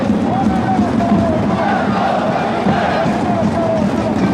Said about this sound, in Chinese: 大家掌声欢迎。